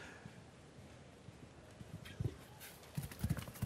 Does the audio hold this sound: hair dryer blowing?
no